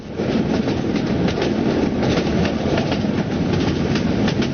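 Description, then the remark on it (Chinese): A train rumbles along steadily with a repeating, loud clickety-clack of wheels over rail joints, with no voices throughout. “到了晚上，这些坐探悄悄解进南巡铁路，把耳朵铁到铁轨上，通过监听火车撞击铁轨的声音轻重来分析敌情，然后就发现了北上的火车声音轻浮，南下的火车声音沉重”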